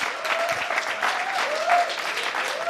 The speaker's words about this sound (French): On peut d'ailleurs applaudir le groupe de ….